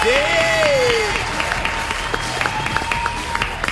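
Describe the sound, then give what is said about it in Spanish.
A studio audience breaks into steady, dense applause of many hands clapping for the Vorterix channel reaching a million, during a live broadcast in Argentina, with a loud sliding whistle cutting through at the start. No one speaks over it. “Y un aplauso para el canal del millón, damas y caballeros.”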